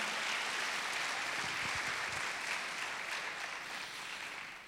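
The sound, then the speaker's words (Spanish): A crowd claps steadily throughout, a dense, sustained wash of many hands applauding together as applause to the Lord during a sermon, holding fairly even in loudness and easing slightly toward the end. “Gloria a Dios, dele un aplauso al Señor si quiere alabar su nombre.”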